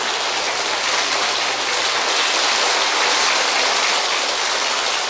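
An audience in Brazil applauds repentista a singer steadily for several seconds, a dense, even wash of clapping at constant loudness with no voices over it.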